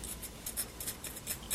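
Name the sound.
scissors cutting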